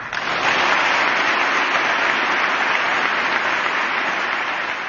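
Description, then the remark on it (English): Sustained, dense applause from members of Congress, steady and loud throughout without any speech, following a speech saying justice will be done. “I imagine those were bipartisan claps there.”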